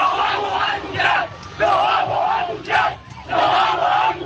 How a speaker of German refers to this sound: Es ist 21.16 Uhr, der zweite Bus fährt jetzt auch auf das Flughafenvorfeld. Doch für die Fans ist der weitere Zugang hier jetzt schon nicht mehr möglich, sich den Bussen zu nähern. Doch der Jubel hat hier deshalb noch gar nicht komplett aufgehört.